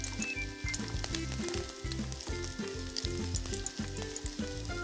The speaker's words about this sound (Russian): А последний этот... еще жарится. Да, последний еще немножечко надо подержать его.